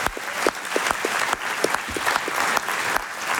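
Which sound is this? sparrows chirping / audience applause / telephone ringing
audience applause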